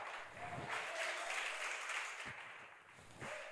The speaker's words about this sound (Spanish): No todos aplaudieron, pero por lo menos.